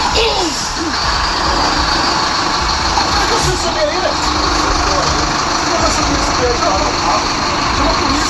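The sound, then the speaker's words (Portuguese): A bus engine rumbles loudly and steadily nearby as the bus passes, mixed with heavy wind noise, while indistinct voices talk underneath throughout. Recorded in Narandinho. “O pessoal no carro, no ônibus passando perto.”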